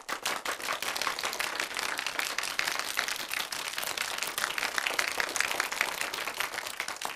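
A class of people applauds together, a dense, steady patter of many hands clapping at once for several seconds, bright and even with no talking over it.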